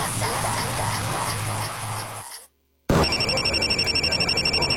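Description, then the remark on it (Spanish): After a stretch of loud, rushing noise and a brief moment of silence, a telephone rings with a rapid, trilling pulse, fairly loud. “Cuando suena el teléfono, ellos no dudan.”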